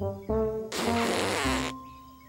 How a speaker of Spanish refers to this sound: Oye, ese no es el grito de un elefante. Es demasiado apagado. Tal vez tiene lodo en la trompa.